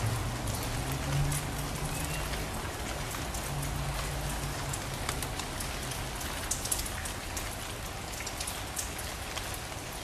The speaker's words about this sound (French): prise de son sur le toit de la prison, jour de pluie.